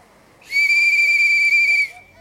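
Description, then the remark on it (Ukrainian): A single loud, shrill whistle holds one steady high pitch for just over a second, then cuts off, standing out sharply over a faint, murmuring background. “Я ж свистіти не вмію.”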